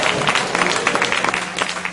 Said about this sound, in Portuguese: Sentai, agasalhai, e quem tem mãos abençoada vai dar uma salva de palmas com glória. Cadê glória? Cadê glória?